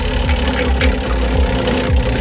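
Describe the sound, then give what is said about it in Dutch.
A Radio 10 prize wheel keeps spinning after a hard spin, making a loud, steady mechanical whirring with a low rhythmic pulse about twice per second, with no voices over it. “Nou, hij blijft draaien.”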